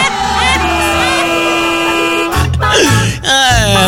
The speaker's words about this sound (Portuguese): Dá vontade de socar o dedo na buzina, assim.